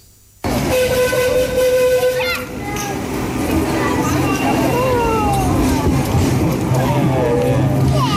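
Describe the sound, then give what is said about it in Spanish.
The Sóller train rumbles steadily past as it passes through town, with a long whistle-like tone early on, while children's voices and bustling street activity mix loudly around it throughout. “Es el sonido del tren de Sóller.”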